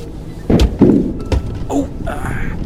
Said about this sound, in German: Was war das? Ich glaube, ich bin irgendwo drüber gefahren. Irgendwie fühlt sich's gerade etwas unrund an.